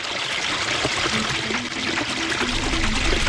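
Water runs steadily from an open tap, a continuous splashing stream with bubbly gurgles, loud and unbroken with no voices.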